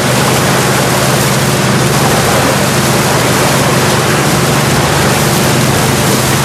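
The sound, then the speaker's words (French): A boat engine rumbles steadily with a loud, constant low drone as the boat slowly returns toward Libreville, wrapped in a broad hiss of rushing water and wind that never lets up. No one speaks. “Dans le bruit du moteur, le bateau rentre lentement vers Libreville.”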